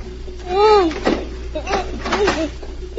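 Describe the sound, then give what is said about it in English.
A few sharp clicks and rattles as someone tries and jiggles the lock on a door, arriving in an uneven burst, with a muffled, moaning voice rising over them. “Then she heard someone trying the lock on the door.”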